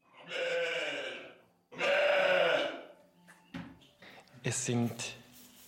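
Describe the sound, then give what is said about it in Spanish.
Two long, loud, wavering bleats from Valais Blacknose and Jacob wool sheep, one after the other, followed by shorter bleats mixed with light clattering and knocking. “Son ovejas de lana de la raza nariz negra de Valais, mezcladas con unas ovejas de Jacob.”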